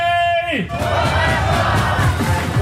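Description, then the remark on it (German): A loud crowd of cycling fans at the Tour de Suisse roars and cheers for Tadej Pogacar in a dense, sustained wall of voices, opening with a brief sustained tone that drops away as the shouting swells and keeps going. “Und weiter für Chaos und laute Fans sorgen.”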